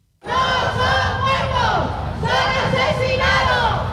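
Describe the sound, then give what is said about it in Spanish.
A protest crowd of three associations of DANA victims at the doors of the Congress chants loudly in unison, many voices shouting 'asesino' over and over at Carlos Mazón in a steady rhythm, their pitch rising and falling with each repetition. “A las puertas del Congreso, tres asociaciones de víctimas y afectados por la DANA han exigido responsabilidades a Carlos Mazón, así como su ingreso en la cárcel al grito de asesino.”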